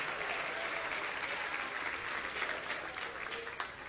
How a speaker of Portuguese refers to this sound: Vamos receber o servo do Senhor com palmas para Jesus. É palmas para Jesus, palmas para Jesus.